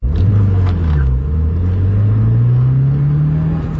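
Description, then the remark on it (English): A silver sedan's engine roars and revs steadily as it speeds through a multi-story parking lot while being chased, its low pitch dipping then climbing as it accelerates hard, with a throaty continuous rumble and no voices. “A silver sedan screams through a multi-story parking lot.”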